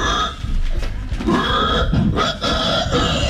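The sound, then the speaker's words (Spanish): A person loudly imitates a pig, producing a continuous run of raspy grunts and snorts with brief pauses, sounding convincingly animal-like. “De gente que hace ruido de animales, es re divertido. Pero así hacen los chanchos.”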